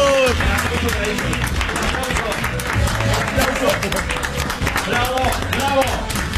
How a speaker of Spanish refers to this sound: Chicos, el aplauso para ellos. ¡Bravo!